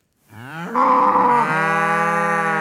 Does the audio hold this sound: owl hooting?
no